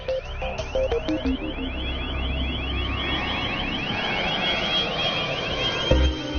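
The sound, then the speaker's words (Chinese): A directional acoustic bird-scaring device at an airport, installed by the bird-control team to drive away flocks up to 800 metres in front of it, emits a loud, continuous electronic wail of rapidly repeating rising sweeps, steady and alarm-like, over a low rumbling background with a few brief beeps early on. “定向声波可以持续发出一种使鸟类害怕的特殊声音，通过设备聚集后，可以驱赶设备正前方800米范围内的鸟群。”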